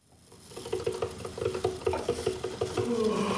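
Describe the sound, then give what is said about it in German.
A coffee machine brewing, its pump throbbing in a quick, steady pulse with a mechanical hum that fades in and rises in pitch near the end, no voices. “Die Kaffeemaschine läuft, aber der Tag will nicht in Schwung kommen.”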